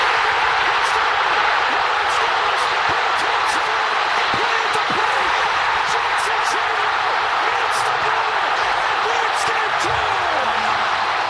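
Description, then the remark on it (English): A huge baseball stadium crowd at a Brewers-Padres game roars continuously at full volume after a bases-loaded walk-off hit, a dense wall of cheering voices with scattered sharp claps and shouts breaking through the steady din. “I've never heard a crowd that loud. No, that was a huge pop. You can't even hear the announcer.”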